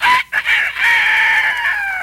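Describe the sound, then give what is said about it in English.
A loud, drawn-out rooster crow delivered by a human voice, starting with a short clipped note and then swelling into one long, strained call held for nearly two seconds. “I'm no horse. I'm a chicken. A rooster. Listen.”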